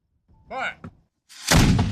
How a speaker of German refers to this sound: Eine Kanone spuckt Feuer und Rauch, der Schuss hallt über den langgezogenen See.